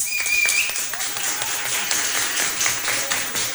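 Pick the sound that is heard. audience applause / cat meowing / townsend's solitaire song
audience applause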